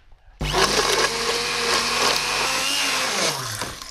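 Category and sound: household object, immersion blender blending sauce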